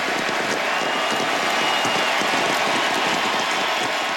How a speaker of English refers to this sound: they would not stop cheering for Lionel Messi in Buenos Aires last night